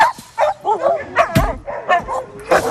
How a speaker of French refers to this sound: La subtilité, c'est de sortir les chiens l'un après l'autre sans qu'ils sortent tous en même temps.